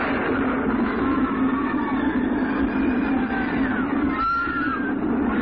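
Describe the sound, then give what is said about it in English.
A runaway mine train on Big Thunder Mountain rumbles steadily along its tracks, loud, with a thick low roar and faint metallic squeals rising and falling over it. No one speaks. “One knows what strange force has unleashed the runaway mine trains on Big Thunder Mountain, but every day, Big Thunder strikes.”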